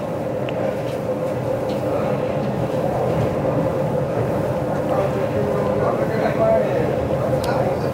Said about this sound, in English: I'm in the club car. That's the last one of this particular train. There are two sections of train. The first, that's car 1 to 19. It's about a mile walk from 1 to 19.